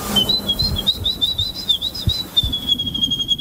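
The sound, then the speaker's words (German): A woman whistles an imitation of birdsong, connected to the Polish bird-voice imitation competition: a steady stream of high, wavering warbles and trills that runs the whole time, clear, with some low rustling underneath. “Sie hat den polnischen Vogelstimmen-Imitationswettbewerb”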